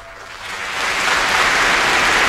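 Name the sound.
concert audience applause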